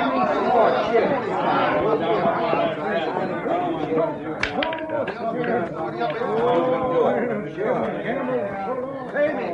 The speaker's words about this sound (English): Some crowd, huh?